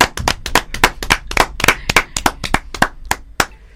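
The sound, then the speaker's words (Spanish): A short burst of audience applause: brisk, sharp hand claps in a quick, uneven rhythm, loud, tapering off after a few seconds with no voices over it. “¡Un aplauso!”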